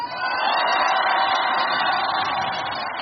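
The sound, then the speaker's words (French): A large crowd at a Jean-Luc Mélenchon rally in France roars with sustained cheering and applause as he lays out his economic programme, a dense, steady wall of noise that stays loud and continuous throughout with no distinct voices standing out. “Exactement, devant un public acquis à sa cause, l'insoumis égrène ses mesures dans un tonnerre d'applaudissements.”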